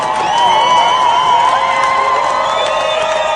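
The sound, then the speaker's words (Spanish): A loud concert crowd cheers and shouts continuously, many voices overlapping in sustained whoops, with a dense wash of noise that may include clapping underneath throughout, as the performer is given oxygen on stage. “la gente aplaudiendo.”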